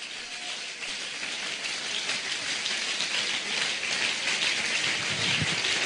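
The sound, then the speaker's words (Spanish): A church audience applauds God steadily, a dense, even wash of many hands clapping that holds at a constant loudness for several seconds, with no voices over it. “Dale un aplauso a Dios, aleluya.”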